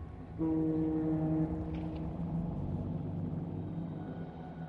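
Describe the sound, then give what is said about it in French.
A boat out at sea, ploughing through crashing waves that break against its sides, with a long, deep horn-like drone of layered tones over a steady low rumble of engine and water. It is continuous and fairly loud, with no voices. “Le bateau poursuit sa course, défiant la mer qui s'abat sous ses flancs.”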